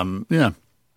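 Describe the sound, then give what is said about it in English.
A fairly loud burp after dinner comes out in two quick croaking pulses, the second longer and rougher, then fades into quiet. “The dinner's come back on me, love.”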